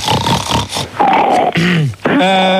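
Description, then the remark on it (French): Loud, rough snorting and sniffing by a person, a run of noisy nasal bursts, then drawn-out grunting snorts with a buzzy, pitched tone, with no talking. “Voilà, mais c'est qui là qui renifle comme un bouc là?”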